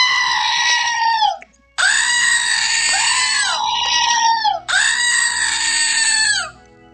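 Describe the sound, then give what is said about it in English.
Three loud, harsh bleating screams from a novelty goat toy, each long and strained with a wavering pitch, separated by brief pauses, and no talking. “I just opened something I got from my sister in the mail, and yes, it's another screaming goat.”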